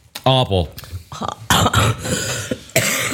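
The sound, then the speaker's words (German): A person coughs several times, harsh breathy bursts spaced unevenly, preceded by a brief throaty voiced sound. “Aber ich habe immer noch Husten.”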